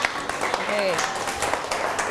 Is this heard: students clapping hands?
yes